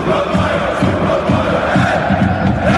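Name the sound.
stadium crowd cheering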